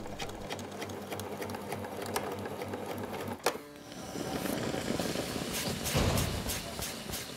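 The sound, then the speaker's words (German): A sewing machine sewing together the slightly angled ends of a hat band runs in a steady, rapid mechanical clatter, pauses briefly with a sharp click, then resumes with a broader, louder whirring hum until the end. “Wichtig, die Enden des Hutbandes werden leicht angeschrägt zusammengenäht.”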